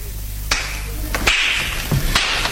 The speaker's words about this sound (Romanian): adu-mi ciocan să spargem pușculița, să vedem ce este în ea. Așa, ia, dă-mi ciocanul.